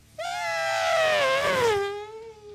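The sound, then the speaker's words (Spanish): A single voice imitates a Formula 1 V8 engine passing by from right to left: a loud, buzzy, sustained high whine lasting about two seconds, its pitch sliding steadily downward before trailing off. “Un Fórmula 1 viniendo de izquierda a derecha. No, perdón, de derecha a izquierda.”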